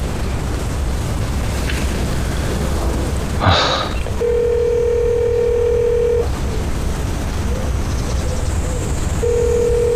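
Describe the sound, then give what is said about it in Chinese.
A brief burst of phone dialing for a call to Brother Tan, a deputy mayor, then a steady ringback tone buzzing for about two seconds, a pause, and the next ring starting, unanswered, over a constant hissy background. “再打一电话。”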